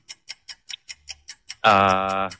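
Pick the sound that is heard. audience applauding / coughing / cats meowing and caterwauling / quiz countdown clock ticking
quiz countdown clock ticking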